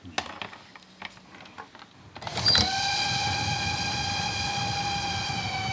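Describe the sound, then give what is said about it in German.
A train rumbles closer with scattered clanks at Heiligendamm, where trains from Kühlungsborn and Bad Doberan meet, then sounds a long, steady, loud horn blast that holds for several seconds over the continuing rolling noise. “Ein Zug kommt aus Kühlungsborn, der andere aus Bad Doberan.”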